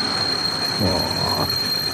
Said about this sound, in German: Oh. Ein bremsender Zug. Da wünschte man sich... Der Zug hat keine Bremse, oder?